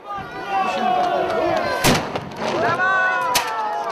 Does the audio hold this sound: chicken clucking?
no